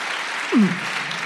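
A live audience claps steadily, answering a call for everyone who says the mountains are their place of longing to clap: a dense wash of many hands, with a single brief vocal whoop rising over it partway through.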